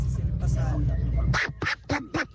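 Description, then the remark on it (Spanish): A voice imitates the cartoon duck Donald Duck, producing a run of four raspy, nasal quacking bursts in quick rhythm after a stretch of muffled, low-pitched talking-like sounds; fairly loud. “Ay, se le entendió a este pato Donald. Qué lindo. Qué bien que le sale.”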